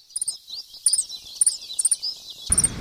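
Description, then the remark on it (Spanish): Wild birds call and sing in repeated high, bright chirps and short trills, several phrases in quick succession, clear over a quiet outdoor background, during a Global Big Day bird observation at a Universidad Nacional campus. “si están en una estación de llamado a la pareja o simplemente están alertando o comunicándose con sus otros compañeros”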